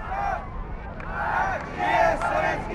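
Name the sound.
crowd chanting a name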